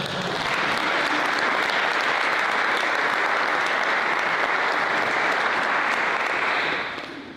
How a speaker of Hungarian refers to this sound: te neked ez már pipa, egy tapsot kérek.